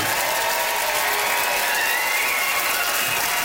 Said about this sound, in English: Nice love, some nice organized applause there.